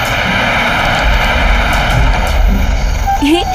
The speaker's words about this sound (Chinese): 但是今天预报有说要刮大风吗？风怎么这么大？